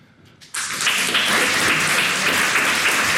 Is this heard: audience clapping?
yes